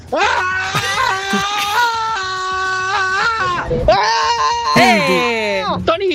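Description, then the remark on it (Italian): A man screams loudly and at length to release tension, one long wavering yell that breaks off briefly near the middle, then resumes in a second strained, sliding howl, forceful. “Vai, io urlo.”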